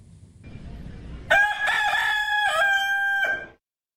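A rooster crows loudly, one long cock-a-doodle-doo with a few rising and falling segments, after a brief stretch of low rumbling background noise.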